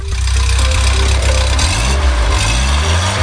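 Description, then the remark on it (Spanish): A classic car engine idles with a steady, throaty low rumble, its revs lifting and wavering slightly toward the end. No voices are heard. “Para muchos propietarios no es solo un coche, es una pieza de museo cargada de recuerdos familiares y restaurada con auténtica pasión.”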